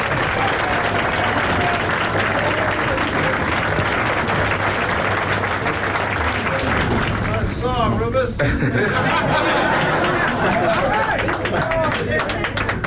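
A crowd applauds loudly and steadily, dense clapping filling the whole stretch, with cheers and voices mixed in as the ovation continues without a break.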